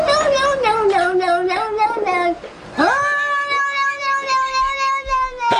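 A cat meows loudly and insistently in two long, drawn-out calls, the second one sustained and wavering, with a voice-like quality that almost resembles a human saying "no."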